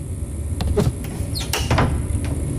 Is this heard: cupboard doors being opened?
yes